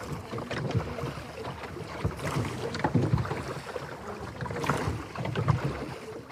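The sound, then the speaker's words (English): Oars dip and splash in water with a steady rhythm of strokes roughly every couple of seconds, over a wash of wind and lapping water. No one speaks. “How long have you been rowing on this?”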